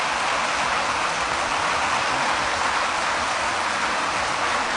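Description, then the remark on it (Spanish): A sustained ovation for Pilar Garcés after she has been sworn in as rector of the University of Valladolid: dense, steady applause, many hands clapping at once in a continuous crackling wash, holding at an even loudness throughout with no voices on top. “Así que con la ovación a Pilar Garcés.”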